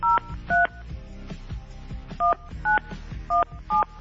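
Six short telephone keypad tones beeping in quick pairs, each a crisp dual-tone dialing beep, over a low background hum with no voices.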